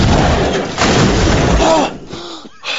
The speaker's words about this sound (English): The boomerang strikes four riders and they each explode.